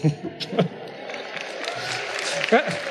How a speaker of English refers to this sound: That gets the biggest cheer, huh?